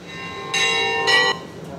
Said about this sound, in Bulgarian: Негово светейшество беше посрещнат с радостен звън на камбани.